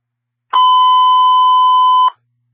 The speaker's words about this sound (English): Okay, stand by for tones.